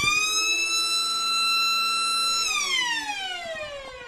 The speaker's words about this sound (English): They've got... Oh, no. Here you go, Siren.